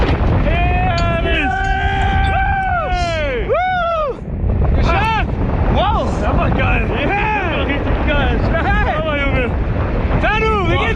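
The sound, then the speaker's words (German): A constant, loud roar of rushing wind from a tandem skydiving free fall after jumping out of the plane fills the whole clip, while excited voices whoop and shout in rising and falling cries over it. “Auch da hören wir nochmal rein hier in den Fall.”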